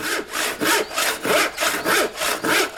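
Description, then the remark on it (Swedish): A hand saw cuts steadily through a wooden board during carpentry work, with about six rhythmic rasping back-and-forth strokes, fairly loud, and no voices. “Ja, yksaha, en såg. En bräda, lauta.”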